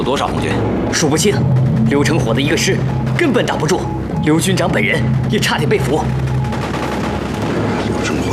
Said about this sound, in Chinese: 枪声有点不太对劲儿，这是灵鹫峰方向传来的，好激烈的枪声，还有迫击炮声。红军一定是红军攻打灵鹫峰了